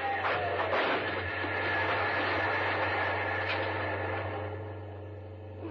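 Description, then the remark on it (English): A train rushes past a railroad crossing with its gates down, a loud, continuous rumbling roar with a steady low drone that holds for several seconds before easing slightly at the end. “We'll beat the train without any trouble at all.”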